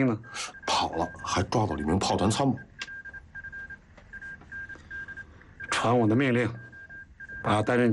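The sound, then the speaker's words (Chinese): A telephone line hums with a steady, continuous dial-style tone and a few soft clicks as division headquarters phones the forward position, heard beneath and between short bursts of people talking. “给前阵地打电话，问问发生了什么事。”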